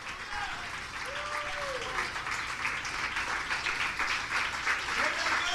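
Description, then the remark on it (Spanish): An audience applauds the Lord Jesus Christ at night, a steady dense wash of clapping that holds its level throughout, with a faint sustained tone and a brief voice-like glide rising above the noise. “Oh, dele un aplauso al Señor Jesucristo en esta noche, en el nombre del Señor Jesucristo.”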